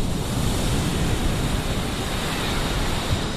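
Rough sea surf roars steadily, with waves crashing and churning on the beach at Salobreña on the Costa Tropical in a dense, continuous, loud wash of noise, with no voices.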